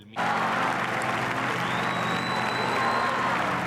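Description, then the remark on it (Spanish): A large crowd in Madrid applauds the Pope steadily at the close of a religious celebration, a dense wash of clapping that starts abruptly and holds at a loud, even level throughout, with a faint high tone drifting above it. “Y así, entre aplausos al Papa y el canto de la salve, ha concluido la celebración.”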